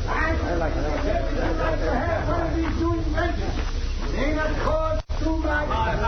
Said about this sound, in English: Ah, there they are, down the street. So that's why the crowd's gathered.